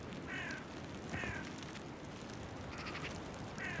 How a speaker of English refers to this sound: accompanied by a gang of ravens.